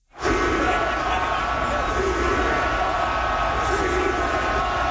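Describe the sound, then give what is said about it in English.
A huge crowd of about 20,000 hockey fans in Montreal yells the chant "Shoot the puck" together during a playoff series game against Carolina, a loud, continuous wall of voices that swells slightly and holds steady for the whole stretch. “That is 20,000 people yelling, "Shoot the puck."”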